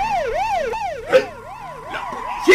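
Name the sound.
police car siren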